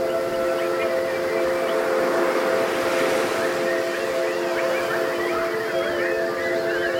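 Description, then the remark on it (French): An audience imitates birds at a performer's request, with many overlapping whistles, chirps and trills over steady held whistled tones, a dense, continuous chorus filling the whole stretch. “Est-ce que vous pouvez pour moi chanter tels des oiseaux, s'il vous plaît?”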